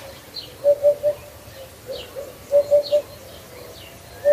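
A hoopoe repeats its soft, low hollow three-note 'oop-oop-oop' call in two clear groups, the start of a third at the end, with faint higher calls in the background.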